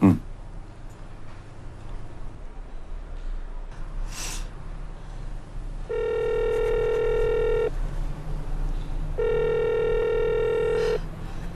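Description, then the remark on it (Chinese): A phone's ringback tone sounds twice on an unanswered call, each a steady buzzy hum lasting nearly two seconds with a pause between, over low background noise and a brief breathy sniff beforehand. “没人接，那我再给我嫂子打一个。”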